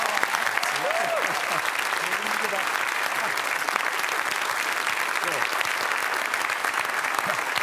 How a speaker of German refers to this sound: Deswegen begrüßen Sie bitte mit einem donnernden Applaus